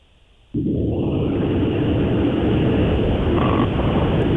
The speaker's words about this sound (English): The next one is tractor.